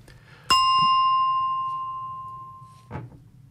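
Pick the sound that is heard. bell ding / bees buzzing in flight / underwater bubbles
bell ding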